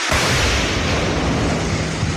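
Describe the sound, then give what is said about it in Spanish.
A loud explosion erupts almost at once and carries on as a dense, roaring blast of noise with deep rumble, holding steady for a couple of seconds, during a military operation against illegal mining in the Amazon jungle of Napo province. No voices are heard. “Explosiones en medio de la selva amazónica.”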